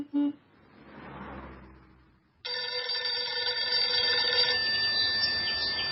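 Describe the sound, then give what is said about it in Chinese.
A telephone bell rings loudly and continuously, a dense metallic jangle that begins abruptly after a short beep and a soft rising whoosh, then carries on unbroken to the end. “一天，时任第8团中校副团长的萧仲勋突然接到吕布的电话。”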